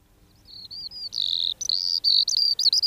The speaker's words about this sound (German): Hören Sie das Trillern und Zwitschern? Das ist die Feldlerche, kleiner Bodenbrüter, kommt leider immer weniger vor. Sie hat immer weniger Platz zum Brüten, immer weniger Ruhe.